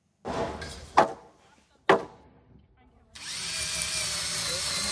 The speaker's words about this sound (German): halten den Bohrer fest in der Hand. Rechts und links werden die Holzbalken von den anderen festgehalten. Mit jeder Schraube steht das Dach etwas stabiler.